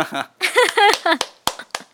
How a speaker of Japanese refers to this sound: パチパチありがとうございます。 パチパチありがとう。